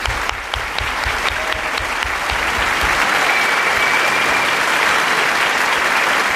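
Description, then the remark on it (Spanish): A room full of people claps steadily on the radio programme Radioficción, a dense wash of applause that starts with a few distinct rhythmic claps and swells into sustained, loud clapping throughout. “Y un aplauso también para su última entrevistada, que ha sido Nell Harper Lee.”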